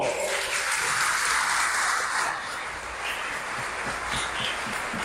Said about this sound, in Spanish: A ver, nomás para hacer un sondeo, la gente de Delicias, alce la mano. ¡Ave María Purísima! ¡Un aplauso!